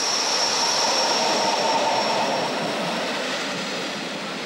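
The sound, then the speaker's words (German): A steady, loud mechanical roar with a thin high whine riding on top as the 11:15 Rhaetian Railway train from Schkuhl to St. Moritz passes a waiting special train at a train crossing, slowly easing off toward the end. No voices. “Der 11.15 Uhr Zug von Schkuhl nach St. Moritz hat unseren Sonderzug passiert.”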